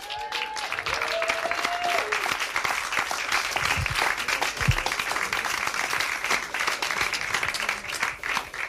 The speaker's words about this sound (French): donc on ne peut que soutenir et remercier les intervenants, et j'aimerais bien qu'on refasse un tonnerre d'applaudissements pour les intervenants.